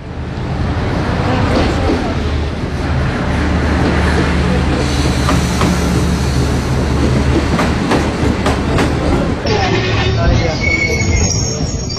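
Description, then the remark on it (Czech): An express train rolls in to platform one, track one, with a loud, steady rumble and low mechanical hum, wheels clacking rhythmically over the rails before the noise shifts as it slows at the platform. “Ekspresni vlak s prvog programa stigao je na prvi peron, prvi kolosijek.”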